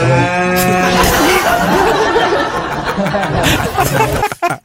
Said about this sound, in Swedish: En svartsjuk ko helt enkelt.